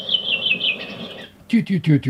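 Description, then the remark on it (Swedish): A redwing sings in a classic falling local dialect, like the redwings from Surahammar: a clear, high whistled phrase that slides gently downward, then a pause and a quick burst of three or four fuller, throaty chirping notes. “Det är mer en klassisk fallande den dialekt. Den var lik min brände rövinge trast.”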